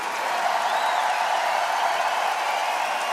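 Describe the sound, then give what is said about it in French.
Steady, dense applause from an audience fills the whole stretch, a continuous wash of many hands clapping at an even, fairly loud level with no talking over it. “Et un triple tonnerre d'applaudissements pour mademoiselle.”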